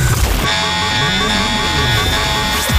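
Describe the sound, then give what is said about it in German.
A loud radio station contest alarm jingle: a steady, blaring horn-like tone with wavering lower notes beneath it, sounding continuously for about three seconds. “Ja, gibt es immer dann, wenn ihr unseren Open Air Alarm hört?”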